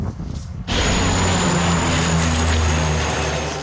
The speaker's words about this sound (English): Water dumping planes are being used for the first time ever in the areas surrounding Paris.